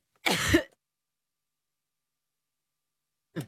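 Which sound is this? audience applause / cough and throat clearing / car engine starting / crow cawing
cough and throat clearing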